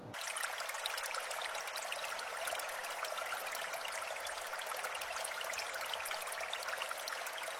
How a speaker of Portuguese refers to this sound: A água ainda flui, a mesma água, 2700 anos depois.